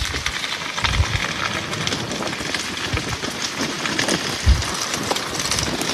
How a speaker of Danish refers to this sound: Og det er desværre ikke lyden af en åben kamin i et sommerhus på en dejlig, kølig regnværsdag et sted ved vestkysten. Nej, det er skovbunden i en region syd for Paris, hvor en naturbrand har spredt sig over 800 hektar